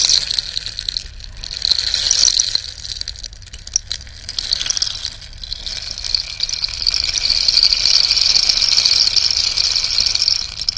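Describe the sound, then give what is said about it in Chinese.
A percussion rattle made from a cactus with pores pours out a steady, granular hiss like ocean waves, relatively loud, swelling and easing in slow surges, growing fuller toward the end. No one speaks. “像海浪的声音、 嗯、是的。”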